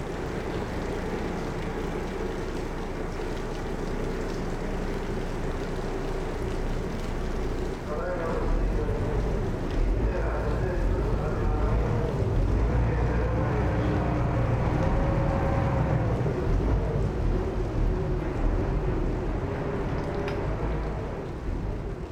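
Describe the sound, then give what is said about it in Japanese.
A river construction boat's engine rumbles low and steady as it moves slowly through a lock gate between the Arakawa and Kyu-Nakagawa rivers, Japan, in a channel 65 m long and 14 m wide; the drone swells a little midway, with faint wind and water noise. “河川工事の船がゆっくりとロックゲートをくぐります。”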